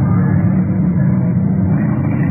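A car engine roars steadily at over 70 miles per hour, a loud, continuous, muffled rumble with no pauses or voices, as the car races along in a chase with a sports car following it.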